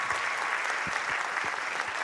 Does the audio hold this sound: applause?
yes